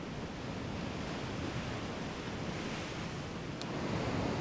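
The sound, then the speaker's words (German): Continuous roar of strong ocean surf crashing against a rocky shoreline, a dense, steady wash of breaking water that swells a little louder toward the end, with no voices. “Die Wellen sind stärker geworden.”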